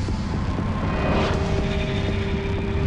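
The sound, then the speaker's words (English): Steady roar of traffic passing a bus stop outside a school, vehicles whizzing past in each direction, with engine hum and tire noise, one vehicle swelling louder as it whooshes past midway, the rush continuing without pause and no voices. “Slowly, she rises, contemplating the vehicles whizzing past in each direction.”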